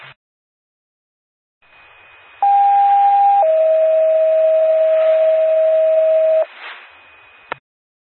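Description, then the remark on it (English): A two-tone test page for the Dorchester Fire Department on the Coupon County 911 paging system: a loud steady higher beep for about a second, then a slightly lower held tone for three seconds, over static hiss that ends in a short squelch burst. “Dorchester Fire Department, this is a test on the Coupon County 911 paging system.”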